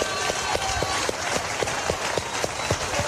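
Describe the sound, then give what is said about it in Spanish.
A church audience gives a big round of applause to God, a dense wash of clapping with steady, rhythmic beats standing out, about four per second. The crowd noise stays loud and constant for the whole stretch, with no clear voice on top. “¿Cuánto le doy el aplauso grande a ese papá que nosotros tenemos?”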